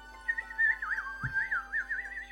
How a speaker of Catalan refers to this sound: Mentre el nen s'allunyava caminant pel bosc, va poder sentir la lletra de la nova cançó que l'estrany ocell cantava.